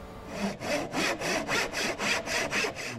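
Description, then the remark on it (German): A hand saw rasps steadily through wood in quick, even back-and-forth strokes, about ten of them, as a 26-year-old craftsman shows an apprentice how to handle the saw; fairly loud with no voices. “Heute zeigt der 26-Jährige einer der beiden Auszubildenden den Umgang mit der Säge.”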